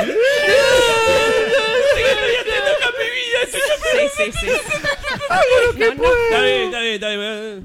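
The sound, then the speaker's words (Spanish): A person whimpers and cries, a loud, wavering, high-pitched wail broken by shaky sobs and catches of breath, continuing steadily for several seconds. “Vamos redondeando este llantito, sí, por favor.”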